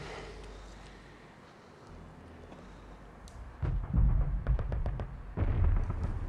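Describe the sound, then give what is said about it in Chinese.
Gunfire from a fight with Japanese soldiers: after a few quiet seconds, muffled booming rumbles erupt, with a quick string of sharp shots cracking in the middle, all echoing. “坏了，听枪声，一定是三哥他们和鬼子干上了。”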